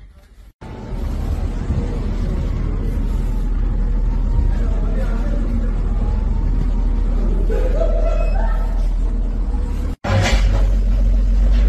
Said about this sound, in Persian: خب همینجور که میبینید ترافیک هم از سمت شیراز و لار در جریانه به سمت بندرعباس و از اونورم از طرف بندرعباس هم در جریانه. خب این پلی که از پلای حیاتی منطقه است، بحث بندرعباس به لارستان از جریان اصلیه.